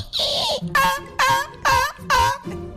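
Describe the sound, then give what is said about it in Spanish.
A voice mimics the pained whimpering of a stepped-on puppy: four loud, high, wavering whines in a quick series, after a short breathy hiss at the start. “Parecía un perrito pisado.”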